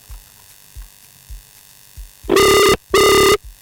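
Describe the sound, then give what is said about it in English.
A telephone ringback tone on an outgoing call as Mirafon 360 Radio phones a guest on air: two loud, buzzy rings in quick succession, heard over a faint low hum with soft rhythmic thumps before the rings. No one speaks. “It's ringing.”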